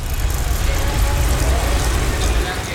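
A bicycle is ridden a few kilometres through Ljubljana traffic, its freewheel ticking steadily, set against a continuous low rumble of wind and traffic.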